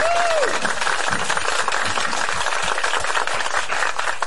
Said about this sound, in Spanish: ¡Amén! ¡Un aplauso!